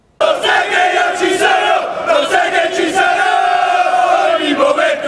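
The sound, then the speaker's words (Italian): A large crowd of Martina Calcio football ultras chants together outdoors in the city centre, in a procession accompanying the team from Piazza 20 Settembre to the Basilica di San Martino, a loud, sustained mass of voices rising and falling in unison, with occasional shouts cutting through. “Le voci degli ultras e i colori biancazzurri hanno accompagnato la squadra nel cuore della città.”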